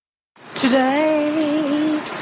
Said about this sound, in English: Today it rained.